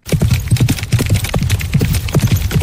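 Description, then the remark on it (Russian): Galloping horse hooves at horse races pound the ground in a rapid, rolling three-beat gallop, steady, with no voices. “А на скачках трехтактный галоп.”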